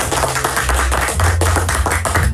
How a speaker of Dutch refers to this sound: En momenteel staat bovenaan die ranking, en daar mag echt even een applaus voor klinken